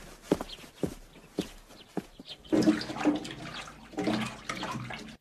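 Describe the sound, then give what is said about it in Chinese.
A handful of soft, uneven footsteps, then a tap turns on and water runs steadily with splashing as a child washes their hands under it before a meal. No one speaks. “哎，不干不净，那个，哈，别瞪眼啊，你对啊，去去洗手去啊。”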